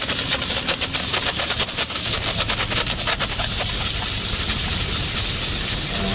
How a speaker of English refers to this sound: You turn on the machine, and the machine heats up. So basically, we're ready to go. And what we do is turn on the steam button. We place the steam right on the gum and inject the chemical and motion.